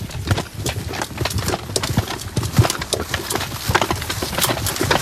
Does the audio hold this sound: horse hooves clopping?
yes